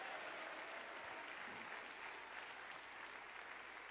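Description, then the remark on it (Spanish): A church audience applauds the risen Christ during a sermon, a dense wash of many hands clapping at an even, sustained level throughout, with no talking over it. “Dele ese aplauso al Cristo resucitado.”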